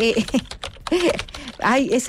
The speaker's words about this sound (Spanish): así suena mi teclado.